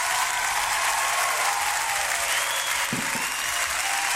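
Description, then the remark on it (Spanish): A big round of applause for two sponsors, one of them La Madeja de Erika: dense, steady clapping from many hands that fills the whole clip at an even, loud level, with a brief low thump near the end. “La Madeja de Erika, estos dos auspiciadores, les entregamos un aplauso grandote.”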